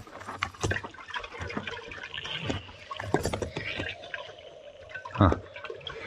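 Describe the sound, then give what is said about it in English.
Water sloshes and splashes in a shallow trough holding little water, in a series of uneven bursts, with a faint steady hum in the background and one louder splash near the end. “Not much water in the trough.”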